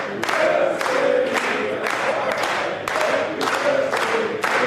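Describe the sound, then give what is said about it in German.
A football team claps out the rhythm of Happy Birthday together for a player's birthday, a steady, repeating rhythmic pattern, loud, with crowd voices mixed in. “Ja, für mich neu, dass man Happy Birthday auch klatschen kann.”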